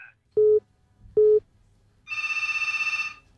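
Two short, low electronic beeps are followed by a loud telephone bell ringing in a rapid, rattling trill for just over a second, with no one speaking.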